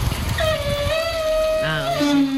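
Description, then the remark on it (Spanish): A heavy door creaks slowly on its hinges: a long, whining squeal that holds steady, then drops to a lower groan and ends on a brief rising note, after a low rumble. “¿qué nos dices de esta puerta típica de bisagras que pesa mucho?”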